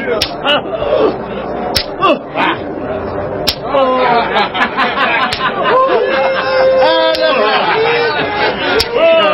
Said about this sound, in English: Scourge him with a whip of many thorns.